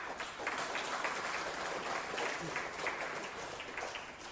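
A crowd applauds steadily for several seconds, a dense, even wash of many hands clapping at once with no one speaking.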